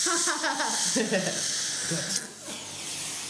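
A dental suction device at a dentist's hisses steadily with a bright, airy rush, fading slightly near the end, while a voice talks over it.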